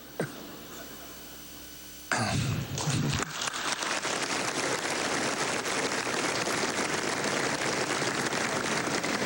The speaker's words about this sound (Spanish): Eso es gracias a ustedes y los aplaudo por eso. Algunos no aplauden con el suficiente entusiasmo y los entiendo, pero igual gracias.